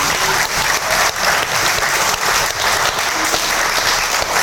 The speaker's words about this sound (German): Aus Mainz? Also, dann schon mal Applaus.